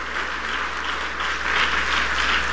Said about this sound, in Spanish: Denle un aplauso al Padre, denle un aplauso al Hijo, y denle un aplauso al Espíritu Santo.